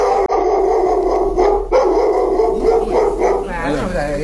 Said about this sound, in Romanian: Ăsta e alt câine. Și altceva ce știe să mai facă? Să latre.